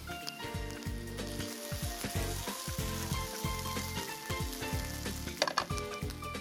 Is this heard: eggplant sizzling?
yes